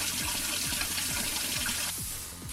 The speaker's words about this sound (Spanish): ¡Qué calor hace, pequeña! Mi caldera está sobrecalentada. Es verdad, Mikado. Está ardiendo. Te echaré agua fría para que te refresques.